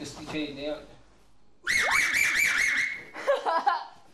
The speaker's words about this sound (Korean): 지금 삼촌분과 조카분이 누구의 휘파람 소리가 더 세게 나는지 그리고 더 높이 나는지를 대결하신다고 합니다. 누가 이길까? 한번 보겠습니다.